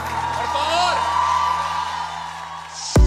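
An audience cheers steadily, with high rising whoops and shouts over a continuous wash of crowd noise, before a sudden loud burst abruptly cuts it off.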